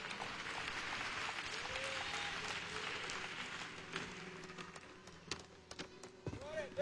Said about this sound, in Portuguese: Deus abençoe a todos vocês, toda honra e todo aplauso ao nosso Senhor Jesus.